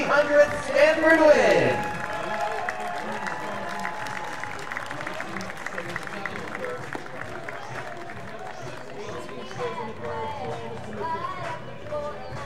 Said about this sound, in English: Well, you hear the round of applause for David Esker, who won his 300th game for the Cardinal on Sunday against NC State. Cool, here's a round of applause.